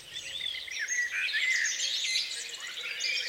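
A dense chorus of birdsong recorded in Sweden and Finland for the all-night Fågelsångsnatten broadcast on P1, with many overlapping chirps, trills and whistles filling the air continuously at moderate volume, with no voices.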